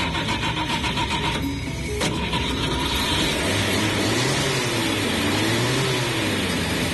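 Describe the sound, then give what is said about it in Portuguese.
The engine of an old yellow Chevrolet Chevette cranks with a steady mechanical chatter, then catches with a sharp jolt and settles into a loud idle whose pitch rises and falls as it revs. No one speaks. “começando com o nosso chevetinho aí, o amarelinho cintilante. Cadê a buzina do menino? Oh, coisa linda de tio Joás e de papai Machilho. Vamos começar, vamos ligar o motor.”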